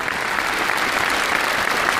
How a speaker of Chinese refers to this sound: 感谢大家伙热烈的掌声。